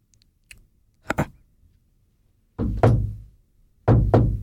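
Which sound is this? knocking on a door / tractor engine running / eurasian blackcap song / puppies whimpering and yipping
knocking on a door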